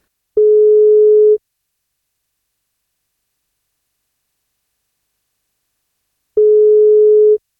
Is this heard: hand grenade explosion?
no